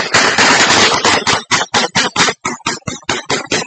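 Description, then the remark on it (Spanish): Loud, rapid gunfire in an exchange of fire between soldiers and presumed FARC dissidents near Huicitó, with a dense continuous burst at first and then a steady string of sharp, evenly spaced shots like automatic weapon fire. Harsh, with no voices. “Habitantes del sector ingresaron en medio del cruce de disparos para evacuar a los menores de edad.”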